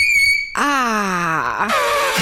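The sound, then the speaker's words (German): Chalk squeaking on a blackboard: a sharp, steady high squeal, then a lower grinding screech that slides downward in pitch, followed by another harsh squeak. Loud and grating, with no talking. “Und jetzt hören wir aber mal kurz, wie fies Kreide tatsächlich quietschen kann.”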